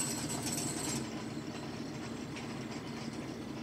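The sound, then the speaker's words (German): A tractor engine runs steadily with a low, droning rumble and a rattling mechanical texture as the tractor moves among a herd of birds; a brighter whine fades out after the first second. No one speaks. “Ab und zu gehen sie ja dem Trecker aus dem Weg, ab und zu zeigen sie mir gegenüber Neugierde.”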